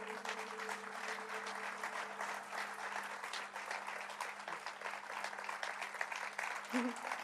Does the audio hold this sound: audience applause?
yes